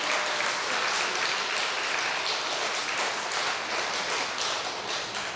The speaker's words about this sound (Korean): 지 돈 안 줬다고 박수 치는 거 봐.